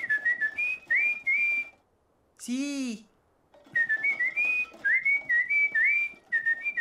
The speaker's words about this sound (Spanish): Me encanta silbar. De verdad, me encanta. Entre más lo hago, mucho más me gusta.